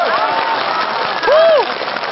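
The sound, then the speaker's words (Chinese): Steady, dense audience applause on a matchmaking show stage for a newly paired couple fills the whole stretch, loud and continuous, with a brief rising-and-falling vocal exclamation cutting over the clapping about halfway through. “哦，掌声可以再热烈一点好吗？”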